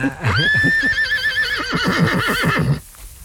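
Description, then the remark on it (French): A pregnant mare in a small meadow whinnies in one long, loud, quavering call lasting a couple of seconds, its pitch wavering throughout before it cuts off into near silence. “Rendez-vous compte, regardez l'harmonie de ce cheval ici, là. C'est le jument, là. Elle est pleine, non ?”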